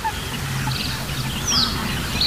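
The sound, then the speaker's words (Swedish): Harsh, barking bird calls from a great crested grebe ring out over a busy wetland background, with other birds chirping high and thin and a steady low hum underneath. “Men vi hör, ja, en ny art faktiskt, skäggdopping.”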